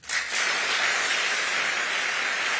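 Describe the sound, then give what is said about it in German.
Dense, sustained applause and a standing ovation from a large crowd for the German Federal President after his 51-minute speech, a steady loud wash of clapping that starts abruptly and holds evenly throughout, with no voices standing out. “Es folgen 2 Minuten Applaus und Standing Ovations.”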